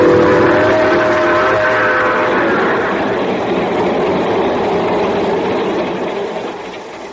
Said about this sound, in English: So I'm here, sitting in the observation car of the train just pulling out for Palo Alto, California.